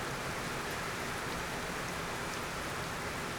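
Water trickles and flows in a steady, unbroken hiss, a dense patter with no clear rhythm, as part of a sound piece in which water is a recurring presence and gives the piece its title. It holds an even level throughout, with no voices.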